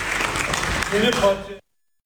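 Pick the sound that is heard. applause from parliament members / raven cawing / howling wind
applause from parliament members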